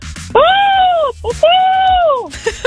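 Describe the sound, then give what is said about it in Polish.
A person imitates a falcon call live on air on the radio, with two long, loud, drawn-out screeching cries. Each cry holds a steady arched pitch before sliding down at the end, with a short pause between them. “To jest absolutnie sokół sokołów.”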